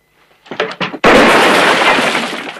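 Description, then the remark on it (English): A loud gunshot fired by Valance suddenly shatters a water jar hanging from a roof beam close to Rance's head, the crash of breaking pottery ringing out and slowly fading. A couple of short, muffled thumps come just before the shot. “Valance shoots a water jar that hangs from the roof beam close to Rance's head.”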